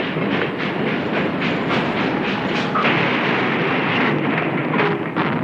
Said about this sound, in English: Now the engine passed right by the house as it neared the Honey Creek Bridge.